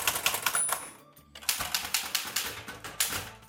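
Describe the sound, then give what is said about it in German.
Rapid, uneven clacking of keys as a woman types on her favourite mechanical typewriter, an Erika, at a desk in a creative studio on Hahngasse in Vienna's 9th district; sharp strikes in quick bursts with a brief pause partway through, no voices. “Heute ist nämlich der Tag der Schreibmaschine und es gibt immer noch Menschen, die täglich auf der Schreibmaschine schreiben.”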